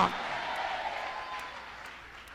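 An audience applauds Christ during a sermon in a steady, diffuse wash of clapping at moderate loudness that slowly fades over a couple of seconds.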